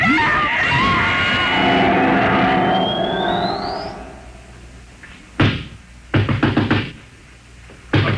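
A loud whirring, rising electronic hum fades out, then heavy pounding on a door as the manager tries to break it down comes in sharp bursts: a single thud, then a rapid cluster of blows, then another hit.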